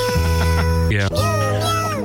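A male cat meows loudly, a couple of drawn-out calls whose pitch rises and falls, filling the short recording with no one talking.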